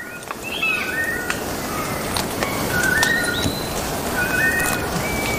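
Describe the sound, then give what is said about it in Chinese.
A ground bird's territorial song in a forest, from a bird that spends most of its time on the ground searching for ant nests: a series of clear, whistled notes, some sliding up or down, repeated at irregular intervals over a steady, dense background hiss. “许多鸟类都会通过鸣叫宣示领地，然而并非所有的鸟鸣声都来自高处。”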